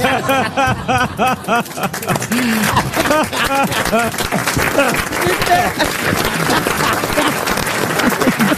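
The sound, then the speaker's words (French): An audience claps in a dense, steady burst of applause that builds and holds, with a voice talking over it at the start and laughter or cheers mixed in. “Ne m'applaudissez pas, comme disait Isabelle Mergaud, c'est mon métier.”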